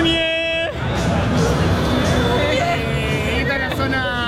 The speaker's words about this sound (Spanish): Está el muñeco acá arriba, no sé si se lo llega a ver. Está la gente acá gritándole a la muñeco, le está gritando.